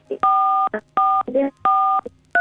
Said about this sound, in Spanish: estás tocando las teclas del teléfono